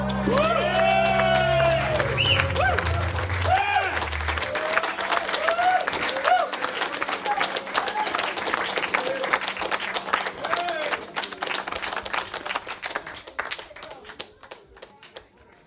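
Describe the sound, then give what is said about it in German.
People standing outside a studio, listening in through an open window, applaud with dense, steady clapping, mixed with cheers and whoops early on, then the clapping thins out and gradually peters away toward the end, with one small late clap at the close. “Oh, cute, wie der Applaus ausgeplätschert ist.”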